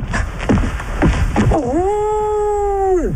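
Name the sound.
dog howling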